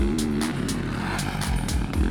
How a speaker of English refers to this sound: The difference between a two-stroke and a four-stroke is definitely the engine. When you ride it, it's a big difference, the sound and the feel. A two-stroke has that typical buzzing sound. And a four-stroke, this distinctive roar.